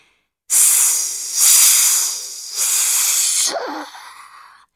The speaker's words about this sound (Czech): Syčely rozlobené plameny, když je orlí slzy soucitu postupně jeden po druhém hasily, až bylo nakonec úplně po ohni.